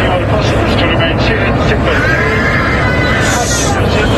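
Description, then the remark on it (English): A loud, unbroken roar inside a passenger jet plunging in a nosedive two hours into the flight, with a crowd of panicked passengers' voices and scattered high-pitched screams half-buried beneath the engine noise, and a faint announcement asking everyone to fasten their seatbelts. “A faint announcement asking everyone to fasten their seatbelts, drowned by terrified screams.”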